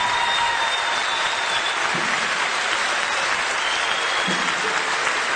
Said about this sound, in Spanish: otro aplauso para estos tres.